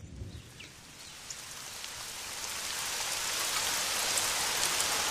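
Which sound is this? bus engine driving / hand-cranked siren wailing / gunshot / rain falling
rain falling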